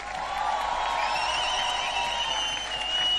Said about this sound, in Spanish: Un lujo esta banda, este momento. Mex. ¡Lujo! ¡Aplauso fuerte!